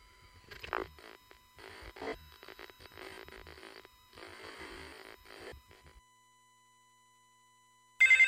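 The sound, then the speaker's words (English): Bursts of crackly, hissing line noise fade into a few seconds of silence, then a loud electronic telephone ring cuts in abruptly right at the end. “My phone doesn't seem to be working. Hello? Doesn't seem to be answering.”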